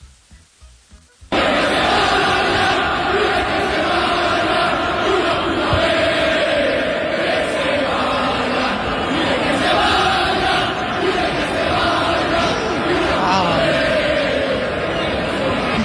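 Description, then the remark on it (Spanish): A large stadium crowd of Atlético de Madrid supporters roars and shouts steadily and loudly at Julián Álvarez, a dense wall of many voices with rising chants and jeers, starting abruptly after a brief quiet moment. “La gente del Atlético de Madrid ya está reaccionando y le gritan muchas cosas.”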